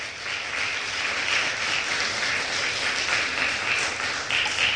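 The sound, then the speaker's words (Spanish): An audience applauds loudly for the Lord, a dense, steady wash of many hands clapping at once that holds at full strength for several seconds with no voices over it. “Podemos dar un aplauso fuerte al Señor, por favor.”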